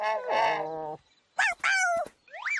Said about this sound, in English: It's not a giant bird. Oh, it was just close. Yeah. Oh, so the sound wasn't coming from a dinosaur. It was coming from this bird.